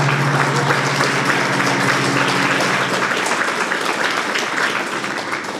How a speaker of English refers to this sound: You're clapping from happiness or you're clapping because why am I again stuck here? A tleskáte, že máte radost, nebo tleskáte, že tady jste, že tady musíte sedět?